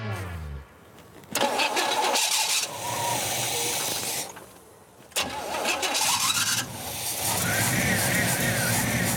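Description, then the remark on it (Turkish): A car's 5.7-litre engine, after more petrol is added, cranks and sputters in a couple of failed attempts, then catches with all eight cylinders running and settles into a steady, loud rumbling idle with a rising whine. “Ama şu an çalışmıyor. Benzinimiz mi yok? Biraz daha koy.”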